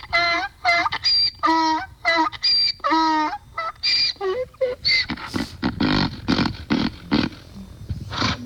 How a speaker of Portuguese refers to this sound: São 5:33. Ah, meu jeguinho. Acorda o povo, jumento.